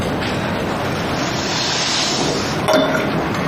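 A single short glass clink rings out once, clear, over a steady hiss of background noise, as glasses touch in a toast. No one speaks.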